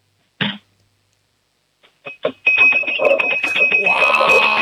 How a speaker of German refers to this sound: Na dann, hätte ich gesagt, du laufst jetzt mal in die Küche, sagst zu Mama, wir brauchen ein Trinkglas und einen Löffel. Und dann machen wir mal ein bisschen Lärm, wir zwei Hübschen, hätte ich gesagt, oder?